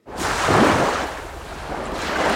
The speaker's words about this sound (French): Quelques vagues qui font du bien sur France Musique